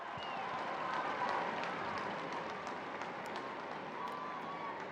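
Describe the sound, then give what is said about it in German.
A large crowd at St. Peter's Square in the Vatican cheers steadily as Pope Leo appears at the window of his study in the palace, a dense wash of many voices with scattered shouts and some clapping mixed in, holding at an even, fairly loud level throughout. “Der Jubel kündigt an, dass sich nun der Papst am Fenster seines Arbeitszimmers zeigt.”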